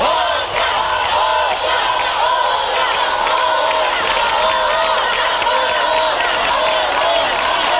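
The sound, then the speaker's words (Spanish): A large concert crowd loudly chants "otra" over and over to ask the singer for another song, a sustained, rhythmic roar of many voices shouting together without pause for several seconds. “Si ustedes realmente quieren oír otro canto, mientras me tomo un poquito de agua, quisiera escuchar esta frase bien común que dice... ¡Otra!”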